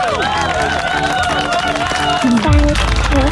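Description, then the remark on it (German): A crowd claps and cheers together, a dense, steady wash of applause with whoops and voices rising over it, loud throughout, played on a radio show as applause for a caller's success. “Das hier ist dein Applaus.”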